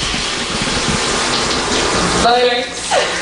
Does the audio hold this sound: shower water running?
yes